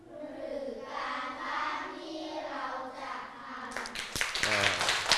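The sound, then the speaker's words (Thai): Voices talk for several seconds, then a group of students in class breaks into quick, scattered hand clapping near the end, without the teacher telling them to. The clapping is fairly loud, and the talking continues underneath it. “เยี่ยมมากมารยาทของผู้ฟังไม่ต้องบอกให้ครูปรบมือเลยใช่ไหม”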